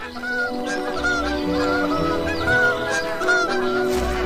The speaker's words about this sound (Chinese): 清晨，低沉而短促的鸣叫宣告着新生命的到来。一个月的等待终于有了回报，斑头雁宝宝破壳而出，爸爸兴奋地直跟邻居们炫耀。